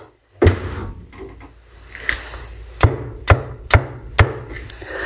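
A door thuds shut with a solid wooden impact, followed a couple of seconds later by four sharp, evenly spaced knocks or clunks against a low background rumble. No one speaks.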